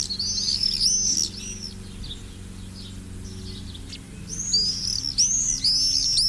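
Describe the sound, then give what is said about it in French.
Common swifts calling in shrill, high-pitched screaming bursts, one cluster at the start and another toward the end, over a low, steady background hum. “Tiens, voilà un oiseau qu'on entend souvent en ce moment.”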